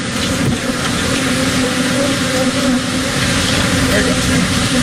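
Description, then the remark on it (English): A dense, droning buzz of a swarm of about 2 million bees, escaped from an overturned truck in Texas, fills the scene, steady and loud throughout, with a constant hum and a busy, crowded texture. “How about getting stuck in traffic or with 2 million escaped bees?”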